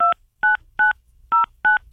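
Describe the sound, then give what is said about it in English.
A rapid series of six electronic telephone keypad tones, each short dual-pitched beep separated by brief silences, sounding clear with no voices present, as a phone number is dialed to call a contest winner. “Oh, cheer how good I dialed that phone.”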